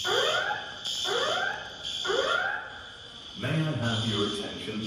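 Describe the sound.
A loud alarm sweeps upward in pitch three times in steady one-second cycles, then a voice begins an emergency evacuation announcement over a persistent high alarm tone in the hall of Terminal 3 of King Khalid International Airport, Riyadh, Saudi Arabia, after an explosion was heard there in the afternoon.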